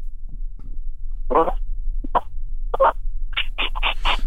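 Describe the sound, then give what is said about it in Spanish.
A person trying to imitate a dog barking, with a mobile phone held at a distance, instead imitates a dog panting: a few scattered breathy, raspy huffs, then a quick run of five or six rapid gasps at the end, over a low steady hum. “Sí, o sea, hace más el jadeo del perro que el ladrido, creo yo.”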